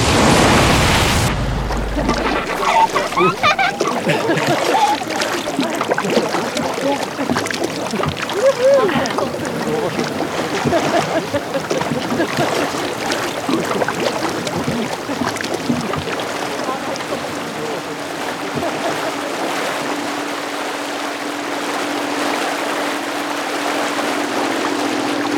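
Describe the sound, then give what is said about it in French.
Water sloshes and splashes steadily against the hull of a small boat, a continuous wash of choppy sound that stays fairly loud for the whole stretch. “Vous êtes à bord du Scarven ou du Scarmit. Le nom de ce bateau apparemment est encore ouvert au vote et à la réflexion.”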